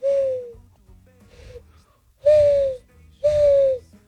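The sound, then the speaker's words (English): A person imitates a mourning dove, giving four breathy, slightly falling hoots: a first call, a faint short one, then two loud, sustained coos after a pause. “Morning dove. Yeah, ready? Morning dove.”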